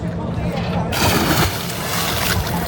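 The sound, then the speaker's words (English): Steady watery splashing and sloshing of people taking a dip at a newly opened NCC swimming dock behind the Canadian Museum of History in Gatineau on a summer day, a busy wash of churned water with indistinct voices of people in the background. “The NCC dock opening Friday behind the Canadian Museum of History, and people aren't hesitating to take a dip.”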